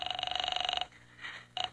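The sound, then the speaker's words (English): A telephone rings with a buzzy, rapidly trilling electric tone for nearly a second, pauses, then starts a second ring that cuts off quickly, as a call is put through to the 5th Precinct Police Station. It sounds thin and filtered, like a ring heard down a phone line. “I'm ringing.”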